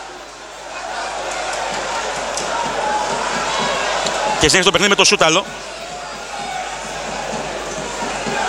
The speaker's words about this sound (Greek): Ενώ υπάρχουν αποδοκιμασίες για τον Θόδωρο Καρυπίδη